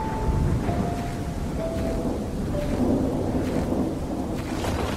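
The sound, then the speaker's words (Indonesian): A thunderstorm at sea: a steady, dense roar of heavy rain and rumbling thunder that stays loud throughout, with faint high whistling tones drifting through and no voices. “Malin berpegang kepada sepotong kayu dan terus terombang-ambing di tengah badai.”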